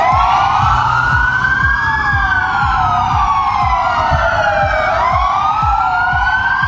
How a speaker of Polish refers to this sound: W całej Polsce zawyły policyjne syreny. W południe mundurowi oddali hołd zabitemu sierżantowi z Dolnego Śląska.